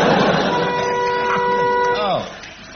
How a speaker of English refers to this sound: I buzzed out because I wanted to know why I've still got this boring old buzzer when you've got funny ones.